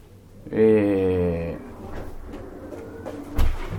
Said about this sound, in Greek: Μήπως πρέπει να... Θα κλείσουμε την πόρτα. Θα κλείσουμε, ναι, λίγο την πόρτα, θα, για το μία που γίνεται απ' έξω.